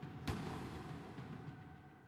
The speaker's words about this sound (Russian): Помню, как я смотрел в наставленное на меня дуло. Последнее, что я услышал, выстрел.